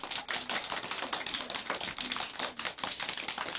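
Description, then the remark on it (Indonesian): A group applauds after a recitation of the pillars of Islam, with dense, rapid hand clapping that stays steady and fairly loud for a few seconds, with no voices over it. “Beri tepuk tangan.”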